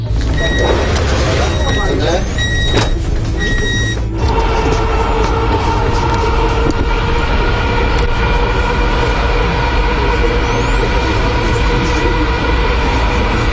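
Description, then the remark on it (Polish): A passenger train's first ride with passengers on a new line, from station C03 Lazurowa: a loud, steady low rumble with a humming electric whine that rises in pitch as the train gathers speed, a few brief clanks early on, and voices murmuring underneath. “Przed nami pierwszy przejazd, można powiedzieć, z pasażerami.”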